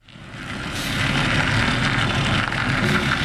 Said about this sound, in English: It was just another summer morning in Red Hook, Brooklyn, as a white delivery truck turned out of a commercial lot and rumbled down a narrow cobblestone street.